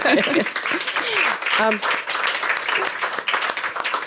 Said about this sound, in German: Also Applaus für das Familienunternehmen.